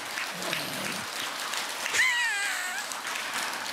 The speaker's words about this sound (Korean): 박수 따가 한번 쳐주지 그래.